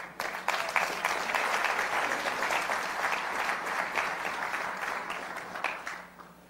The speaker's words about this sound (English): Clap.